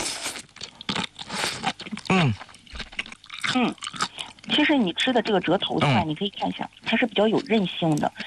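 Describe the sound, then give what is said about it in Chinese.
Crisp crunching as someone chews spicy seasoned jellyfish head, a quick run of crackly bites at the start, followed by a person talking with occasional chewing sounds underneath. “我替大家尝一下啊，嗯，好脆，它是。”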